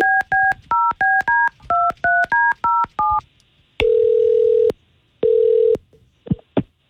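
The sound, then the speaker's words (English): A quick run of about a dozen crisp, evenly spaced telephone keypad tones as a radio station dials a woman's phone, followed by two long ringback tones on the line. No one speaks. “we're calling you because you went out on a date with a dude named Cal”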